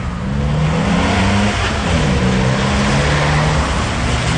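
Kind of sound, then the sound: vehicle, car engine revving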